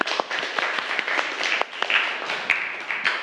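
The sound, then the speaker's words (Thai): A class of students in a classroom claps steadily for a group of classmates at the teacher's request, many hands overlapping in a dense, moderately loud patter with a few sharper individual claps standing out, continuing without pause. “เอาก่อนอื่นปรบมือเพื่อนก่อนค่ะ”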